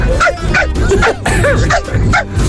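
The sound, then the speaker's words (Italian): A man imitates a chihuahua, letting out a rapid string of high, nasal yaps, about eight sharp barks in quick succession with no other sound around them. “Ma è lui che fa il cane.”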